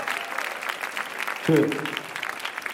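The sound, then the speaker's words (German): Steady audience applause for a DJ, a dense crackle of many hands clapping throughout, with a brief voice cutting in partway through over the clapping. “Und für … auch noch bitte einen Applaus.”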